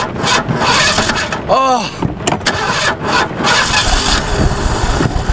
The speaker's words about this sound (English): I just hope the engine starts so we can get out of here.